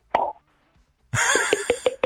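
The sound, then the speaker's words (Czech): A voice imitates wine being poured, over the telephone: one sharp mouth pop like a cork, a brief pause, then a loud, bubbly gurgle broken into quick rhythmic glugs for about a second. “Třeba tady někdo umí napodobit zvuk nalévání vína.”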